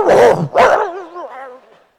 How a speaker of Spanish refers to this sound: Oye, parece un perro Doberman.